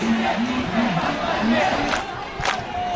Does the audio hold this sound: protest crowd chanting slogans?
yes